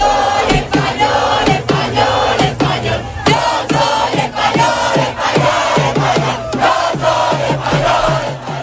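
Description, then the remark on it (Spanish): A large crowd of fans in Paris celebrates Spain's World Cup win after the final, chanting and shouting together in loud, sustained unison. Rhythmic accents pulse roughly every half second, like clapping or stomping under the voices. “Anoche se desataba la locura en todo el mundo después del final del partido y se celebraba así hasta en París.”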